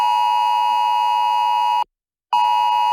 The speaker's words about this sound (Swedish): Det är det nya varningslarmet SE Alert som du får i din mobil vid stora olyckor eller andra händelser som hotar liv, hälsa, egendom eller miljö. En del av viktigt meddelande till allmänheten, VMA.